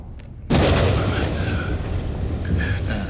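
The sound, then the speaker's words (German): A sudden, loud thunderclap cracks in after a brief quiet moment, then rolls on as a heavy, sustained low rumble for the remaining few seconds. “Fürchtet ihr euch vor Gewittern?”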